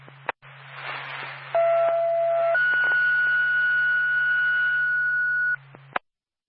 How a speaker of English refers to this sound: 7 State Woodsville Ambulance Backup. Stand by for a second tone.